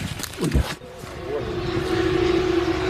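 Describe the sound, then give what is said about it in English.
A steady, droning buzz of a loitering drone hovering low sets in after a brief voice at the start, holding one unchanging pitch and growing slightly louder as it lingers. “Here, looking for loitering drones, they hover low and wait for you.”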